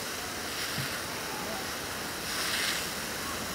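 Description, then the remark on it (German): A hose sprays a steady jet of water at a bear to shower it, making a continuous rushing hiss that swells briefly louder toward the end, with no voices present. “Sie hat es nicht so gerne mit dem Wasserstrahl.”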